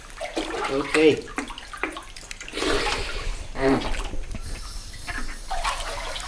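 Water sloshes and splashes in irregular bursts as someone wades into clear, shallow cave water with a little lime on its surface, with a soft hiss of flowing water throughout and brief, indistinct vocal sounds mixed in.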